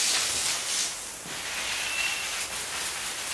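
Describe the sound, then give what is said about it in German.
A garden hose sprays water onto a bird house and plants in a steady, bright hiss that runs the whole time, easing slightly for a moment before surging back. No one speaks. “Hast du den Schlauch gerade angeschlossen?”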